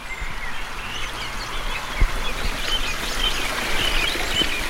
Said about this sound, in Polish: Ten szum strumyka tak na koniec na uspokojenie,